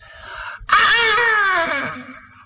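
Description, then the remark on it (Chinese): A voice imitates a woman's scream: after a brief softer vocal sound, a sudden piercing high-pitched shriek bursts out, holds loudly, then slowly sags in pitch and fades over about two seconds. “正往大山里走着，突然听这个树林里头有女子的尖叫声。”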